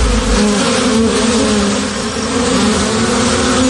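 A dense, continuous hum of many honeybees buzzing together at an apiary, steady and fairly loud throughout, with no voices and no breaks in the droning swarm.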